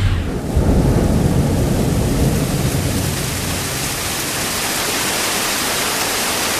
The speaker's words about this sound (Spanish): Ámate que va a llover, cuidado. Y ya requete llovió,